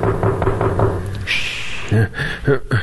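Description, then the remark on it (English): Someone raps on a door with a quick, even series of solid knocks, goes quiet briefly, then knocks again in a shorter, irregular burst. “Them. Whoever's at the door.”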